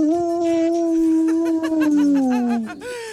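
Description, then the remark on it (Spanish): A single long, wolf-like howl in an audio message, held steady and then sliding downward in pitch near the end, loud, with no talking over it. “Lobo, Lobito, ¿qué estás haciendo? A ver, ¿qué es este audio? Ay, Chabelita, aquí está tu lobo feroz.”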